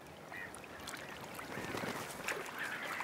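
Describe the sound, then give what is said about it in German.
A noisy black-headed gull colony: many harsh, overlapping squawks and cries blend into a steady, dense din that stays loud throughout, with no voices. “Die Schwarzhalstaucher mögen die Nähe der lärmenden Lachmöwenkolonie.”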